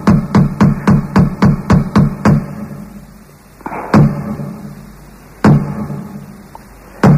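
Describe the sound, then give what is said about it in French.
A quick, steady burst of about eight sharp knocks on a door, then a pause and two louder, separate bangs with quiet between them, and one more hit at the very end. “tu viens de frapper à ma porte, je viens t'ouvrir la porte, ouais.”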